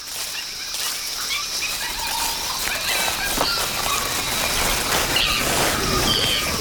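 Early apes of 15 million years ago screech and shriek in high-pitched, overlapping calls in a subtropical forest, over a dense wash of forest chatter and rustling, a steady, busy din that never lets up.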